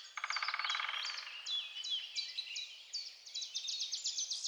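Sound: forest birds singing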